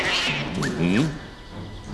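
A cat gives a single drawn-out meow, rising then falling, in a royal throne hall, with faint background murmur and no clear speech.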